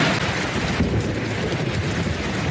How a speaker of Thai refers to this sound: ป้าครับป้าครับฝนตกแรงนักเนี่ย